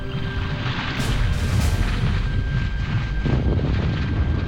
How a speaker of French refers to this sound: Les explosions continuent, de plus en plus violentes. Le bruit est assourdissant, impossible de se parler.